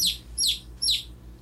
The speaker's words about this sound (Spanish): ¿Usted sabe cómo hace el pollito?